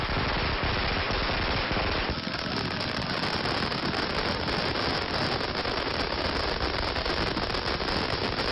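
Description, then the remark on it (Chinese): A long string of ten thousand firecrackers, set off at night by a family in front of their doorway, crackles continuously and loudly. It is a dense, rapid barrage of sharp pops that never lets up, with no voices heard. “晚上，刘建业带着全家人一起在门口放起了鞭炮。”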